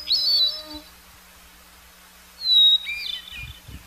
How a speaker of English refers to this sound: Both have beautiful, flute-like voices. The hermit thrush song starts with a clear, single note, followed by a chiming warble. This is repeated on different pitches.